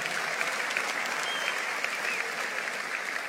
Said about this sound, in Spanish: Vamos, dale un aplauso fuerte a Él.